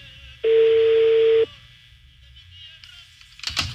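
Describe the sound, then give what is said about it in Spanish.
A single loud burst of outgoing-call ringing tone lasts about a second, heard through a phone line as a number is dialed again to reach a woman who sells dog medicines, followed by quiet line hiss and a brief rustle at the end. “A ver, está sonando otra vez el teléfono de la señora que vende medicamentos para perros.”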